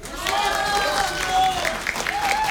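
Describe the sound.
An audience breaks into steady, dense applause that fills the space, with voices calling out encouragement over the clapping throughout, as a Korean danga song is about to be sung.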